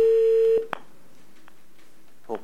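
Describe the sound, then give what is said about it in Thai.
A steady, low telephone line tone hums for about half a second and cuts off, followed by a few short keypad beeps at uneven intervals as a number is dialed. “สายแรกกดเบอร์เลยครับกดเบอร์ตามนี้เลยครับ”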